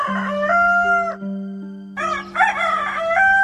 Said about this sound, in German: Sie kamen an einem Hof vorbei. Da saß der Haushahn auf dem Tor und schrie aus Leibeskräften.